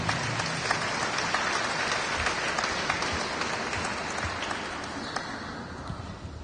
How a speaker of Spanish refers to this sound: Y quiero que también ustedes, hermanos, se den un fuerte aplauso, porque a pesar de que hoy es domingo y de que está haciendo un clima agradable, pues estamos luchando por continuar nuestra fe. Demos palmas a Cristo Jesús.